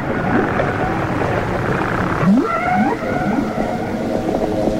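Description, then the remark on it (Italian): Whale song rises in repeated upward-sweeping notes and tonal moans, layered over a dense underwater rumble, with several overlapping calls continuing steadily throughout. “A volte si tratta di canti, note che si ripetono, assai analoghi a quelli degli uccelli, anche se in questo caso il nostro essere canoro non è altri che una invisibile balena.”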